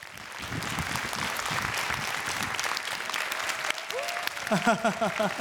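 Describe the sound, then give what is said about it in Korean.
An audience claps steadily and fairly loudly for several seconds in a dense, sustained round of applause welcoming an award-winning journalist who is to give a special lecture on truth and justice in the press, and a voice starts speaking over it near the end. “큰 박수로 만나보겠습니다.”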